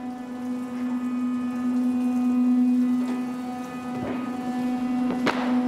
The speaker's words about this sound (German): Das ist ja nichts Giftiges, das ist im Prinzip, wenn man im Wald Rinde schält und liegen lässt und es drauf regnet, das ist genau das gleiche wie das Wasser, was hier unten rausläuft.